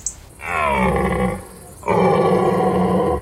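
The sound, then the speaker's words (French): A large stag gives two deep, rasping roars in quick succession, loud, each lasting about a second, with a brief pause between them and no talking. “Un grand cerf avec une belle voix. Voilà, on dirait un fauve, hein, oui, félin.”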